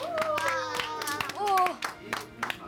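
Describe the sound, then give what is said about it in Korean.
An audience claps in irregular, scattered bursts while excited voices cheer and call out with rising and falling pitches over the applause, encouraging a young haegeum player who performed sanjo. “격려의 박수 한번 부탁드리겠습니다.”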